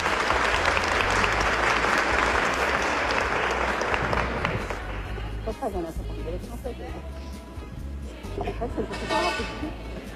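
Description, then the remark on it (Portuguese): An audience at a religious gathering bursts into loud, dense clapping for several seconds for the couple in charge of the next night's gathering. The applause then thins out and fades as a voice starts speaking over the last scattered claps. “E uma salva de palmas para o casal responsável pela noite de amanhã.”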